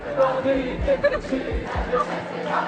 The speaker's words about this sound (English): in a party atmosphere chanted slogans and songs targeting the government, the far right and the police